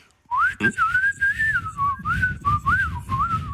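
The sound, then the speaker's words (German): A person whistles a warbling, bird-like tune into a phone to test a bird-song identification app, the pitch sliding up and down in short phrases for a few seconds. The whistle is clear, with some low background rumble and no speech. “Na komm, die App merkt doch bestimmt nicht, wenn ich sie austrickse und mal wie ein Vogel pfeife, oder?”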